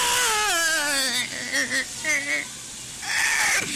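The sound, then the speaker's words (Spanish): A voice imitates a desperate woman wailing and sobbing as she enters a hospital: a long, falling, quavering cry, then several shorter choked sobs, ending in a loud anguished burst, prominent. “Estaba toda la gente bien tranquila en el hospital, cuando de repente entró una señora gritando, llorando, desesperada, así...”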